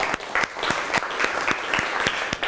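A small audience claps steadily, with dense overlapping hand claps filling the room at moderate volume and sharper individual claps standing out. No one speaks over it.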